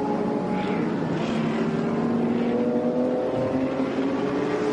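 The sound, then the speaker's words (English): A racing car engine roars continuously from onboard the HRT Performance car driven by James Kellett in a Creventic race, a loud, steady drone whose buzzing harmonics drift slightly down and back up in pitch as the revs shift, with no voices. “Here is James Kellett aboard the HRT Performance car.”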